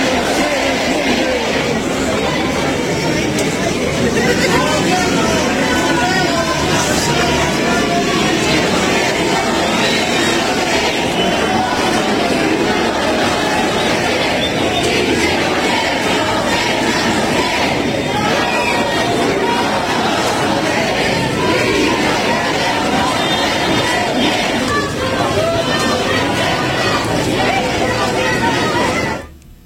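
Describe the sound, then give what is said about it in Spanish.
A large crowd of thousands protests in the streets of Zacatecas, shouting "Davidcito, ¿dónde estás?" and demanding David Monreal's resignation: a dense, loud roar of many voices that never lets up for half a minute before cutting off abruptly. “Así es que ahí está viendo usted al pueblo de Zacatecas, están pidiendo ya la renuncia de David Monreal, donde miles de ciudadanos pues tomaron las calles, ya usted lo vio y lo escuchó”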